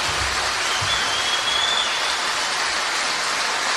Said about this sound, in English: Nice of you. Give me a round of applause. Thank you very much.